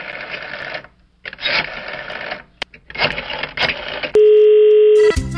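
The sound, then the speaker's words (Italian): Bursts of rattling mechanical whirring with short pauses, then a loud, steady telephone line tone holds for about a second, the flat buzz after the other party hangs up the phone. “Ma ha buttato giù il telefono.”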